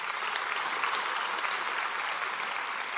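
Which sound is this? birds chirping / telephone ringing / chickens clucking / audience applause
audience applause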